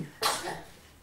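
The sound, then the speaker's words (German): A single sharp sneeze: one sudden, loud, breathy burst that fades quickly into quiet, with no voices around it. “Naja, bloß weil er einmal niest, ist er noch lange nicht sterbenskrank.”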